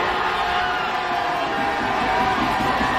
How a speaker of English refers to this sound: After 53 years, the Knicks are finally NBA champions once again. Courtesy ABC, and Knicks fans are cheering their team on the sidewalks of New York.